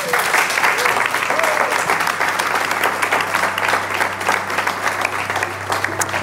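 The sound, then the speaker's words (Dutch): Sustained audience applause for the host's guests, a dense, steady wash of many hands clapping at an even loudness throughout, with no voices standing out above it. “En ik vraag een hartelijk applaus voor mijn gasten”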